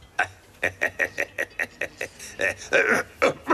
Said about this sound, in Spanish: Tienes una tos muy mala, amigo.